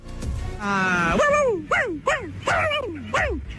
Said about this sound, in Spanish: No, tiene miedo. El pobre perro se asustó. Sí, mira su cara. Mira la cara del perrito.